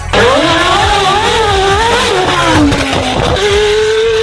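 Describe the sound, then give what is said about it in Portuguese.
A high-pitched Formula 1 car engine screams loudly, its tone rising and falling through gear shifts as the car accelerates hard, continuous, with no voices. “É Fórmula 1.”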